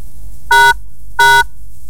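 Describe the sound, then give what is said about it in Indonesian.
Two short, loud electronic buzzes a fraction of a second apart, a harsh nasal telephone-line tone with bright harmonics, heard alone against a faint low hum, on the phone line of the Pro Dangdut radio call-in show. “Terima kasih ya untuk Anda kalau telepon jangan main tetot ya.”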